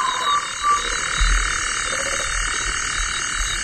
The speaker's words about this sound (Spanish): Y un sapo, ¿eh? También hay sapos.